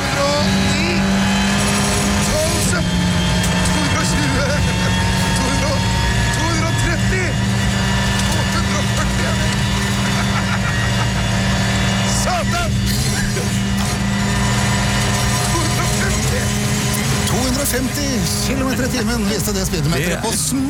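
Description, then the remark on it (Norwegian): A WRC rally car engine roars loudly and continuously at high revs on Golsfjellet in winter, its pitch holding and shifting as it accelerates at speed, dominant for the full stretch. “Det var jo en ordentlig VRC-bil.”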